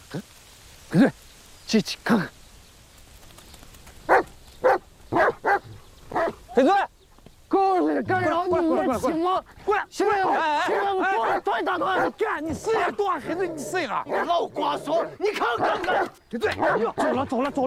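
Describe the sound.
A dog barks repeatedly in short, sharp bursts, about ten of them at an uneven pace, loud. Then a person starts talking continuously and the barking stops.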